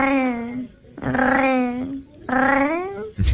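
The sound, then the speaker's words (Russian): A cat lets out three long, drawn-out, warbling vocal calls, fairly loud, with brief pauses between them, more like odd chatty mews than a steady purr. “Мне тут попался кот. Необычный очень кот, который мурлычет, как настоящий парижанин.”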